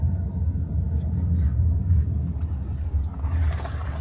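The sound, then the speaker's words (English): Steady low engine rumble from inside a moving police car on a routine patrol through a Roma settlement, a constant droning hum with faint road noise and a slight rise in hiss near the end, no voices. “We are in the car right now.”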